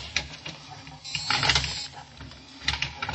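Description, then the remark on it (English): Mechanical clicking and whirring from an elevator motor after a button is pushed, with a strained grinding surge midway as the elevator door strains against something but stays open, moderately loud, no voices. “And the motor clicked and the door strained, but stayed open.”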